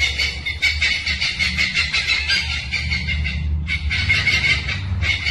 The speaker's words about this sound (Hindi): कहीं बांस के झुरमुट, कहीं वाइल्ड ऑर्किड और अचानक एक हॉर्नबिल की आवाज।